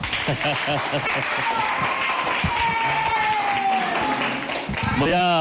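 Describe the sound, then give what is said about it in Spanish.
A group of children claps and cheers together, lively clapping mixed with excited high voices and shouts, steady and fairly loud throughout the few seconds. “Vamos a aplaudirle.”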